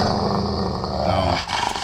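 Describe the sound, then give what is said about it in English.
A dog growls low and steadily for over a second, a rumbling snarl, then it breaks off into a brief rougher burst at the end, played on KSSK radio in Hawaii on National Dog Day. No one speaks. “Down boy.”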